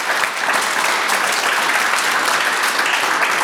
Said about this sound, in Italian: Allora ci vuole un applauso per questa neve.